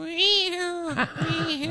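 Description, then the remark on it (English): A person makes a mouth sound effect imitating a scary black cat's drawn-out, wavering meow, rising then sliding down in a long yowling arc, fairly loud, with no other sounds around it. “I can make almost any sound effect with my mouth. Oh, really? Let's hear a couple. Okay. Creaky old door. What in the... Here's a scary black cat, Bart.”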